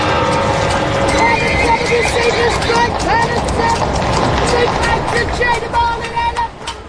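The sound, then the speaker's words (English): Horse hooves clip-clop steadily and loudly while a horse neighs several times, from horse-drawn wagons of hucksters and farmers selling goods in the streets of Syracuse, all over a dense, busy background that fades slightly at the end. “I can go back to the point where there was horse and wagons.”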